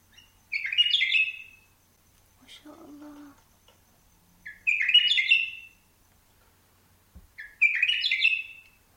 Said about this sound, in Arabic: جنت دا أسمع صوت صفير البلبل. آها صوت صفير البلبل هيج قلبي التملي.